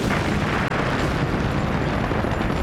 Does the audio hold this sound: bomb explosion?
yes